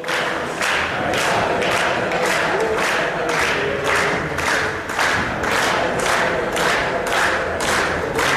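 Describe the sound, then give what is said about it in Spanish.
A large crowd, with city councillors at the front and Escotet singing along, chants the football cheer 'Dale Depor' in unison, loud and hoarse, with steady rhythmic claps or stomps pulsing under the voices throughout. “El grito de dale Depor, con los concejales sí, también al frente.”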